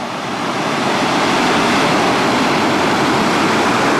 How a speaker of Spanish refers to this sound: Son las embarcaciones, es el sonido recogido por Faro TV.